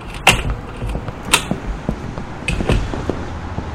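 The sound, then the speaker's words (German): A door opens with a series of sharp clicks and knocks, a latch rattling and wood bumping, spaced irregularly over a few seconds against a quiet, hissy background. “Die Tür ist offen.”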